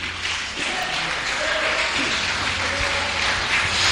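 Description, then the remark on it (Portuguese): An audience claps joyfully to exalt God, a continuous dense, steady wash of many hands that stays loud for the whole stretch, with faint low musical tones humming underneath. “Pode exaltar o Deus com as suas palmas bem alegre.”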